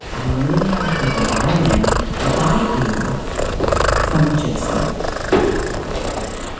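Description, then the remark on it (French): A Siamese cat purrs steadily, a continuous rumbling drone lasting several seconds, with a few soft vocal chirps and shifts in the rhythm of its breathing. “On entend les ronronnements d'un chat siamois.”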